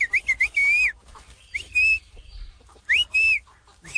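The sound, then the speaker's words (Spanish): In a small town, a person passing in front of a friend's house whistles to call the friend out, a short tune in three clear bursts, the first made of quick rising and falling chirps, the others longer sliding notes, loud with no one talking. “Y pues así como se comunicaban, él le chifla.”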